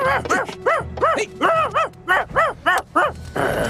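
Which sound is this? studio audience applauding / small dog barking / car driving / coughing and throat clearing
small dog barking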